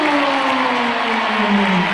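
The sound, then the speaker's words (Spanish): A large crowd applauds and cheers for footballer Nicolás Tagliafico in a loud, steady roar for the full two seconds, with sustained shouting voices rising through the wash of clapping. “Ahora viene el aplausómetro.”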